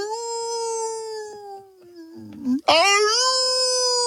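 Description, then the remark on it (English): A long, wavering howl from coyotes that slowly sinks in pitch, breaks off briefly, then swoops back up into a loud, sustained wail. “And every now and then you'll hear all the coyotes howling they got something.”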